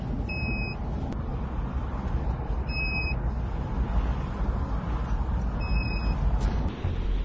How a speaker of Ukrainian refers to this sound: До речі, не така пізня година. Буквально, яка у нас там? 8:30, да, вечора. В Запоріжжі багато машин у місті.